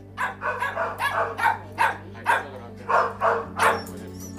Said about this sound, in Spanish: Es la banda sonora de cada día en la protectora Anerpa, en Alguazas. Allí conviven más de 50 perros y gatos, la mitad abandonados, el resto extraviados.